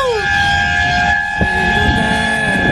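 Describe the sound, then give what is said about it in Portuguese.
A loud vehicle horn blares in one long, steady, sustained blast lasting the entire moment on the Marginal Tietê road heading toward Castelo Branco, its bright tone sitting over rumbling road and engine noise. “Uma buzina buzininha aí pra alegrar o ambiente.”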